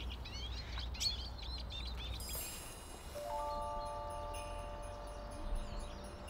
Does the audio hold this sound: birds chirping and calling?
yes